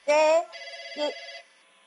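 A short electronic phone ring sounds clear, a bright buzzing burst followed by a sustained warbling tone that cuts off after under two seconds. No talking.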